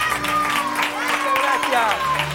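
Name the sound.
audience applause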